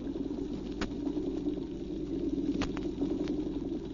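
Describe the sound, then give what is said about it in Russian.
A dense underwater chorus of drum fish and small Alpheus snapping shrimp: a steady low drumming hum with a constant fizz of tiny crackling snaps, broken by a few sharper, louder clicks. No voices. “Рыбы-барабанщики поют свое, а рачки-олфеусы, рыбье поживо, мелкие рачки свое.”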